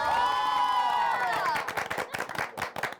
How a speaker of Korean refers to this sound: 공연을 봤는데 너무 멋있으신 거예요. 공연의 맛을 살리되 신나게 너무 좋았어요. 일단 우리 박수 한번.